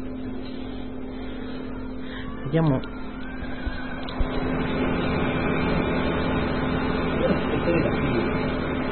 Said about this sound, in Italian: Mi porterò il microfono in giro e ascolterete qualche rumore, come per esempio Tower 650, la macchina che ho, a cui oggi la vita è stata restituita.